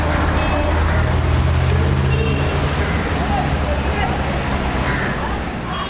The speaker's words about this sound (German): Sie wirft das Papier auf die Straße. Zwischen den Autos und Mopeds ist es nicht sehr gemütlich.